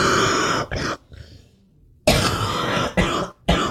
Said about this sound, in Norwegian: Åh, er ikke helt god den hosta di? Nei. Det kom bare litt feil i halsen.